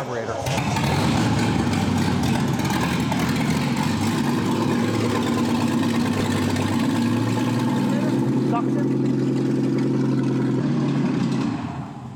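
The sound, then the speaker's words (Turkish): A carbureted car engine, helped by sprayed carburetor cleaner as an ignition aid, catches and keeps running with a steady, low rumbling drone, loud, its tone shifting slightly as it settles near the end. “Evet, çalışıyor ve temiz çalıştığında güzel bir ses çıkardı.”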